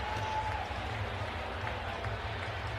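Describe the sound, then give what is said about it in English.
A large hockey arena crowd in Pittsburgh fills the space with a dense, steady wash of noise and scattered clapping, holding at an even level without rising into a cheer, after the Sharks' John Klingberg scores in overtime to win 6-5. “Stunned crowd here in Pittsburgh cannot believe it.”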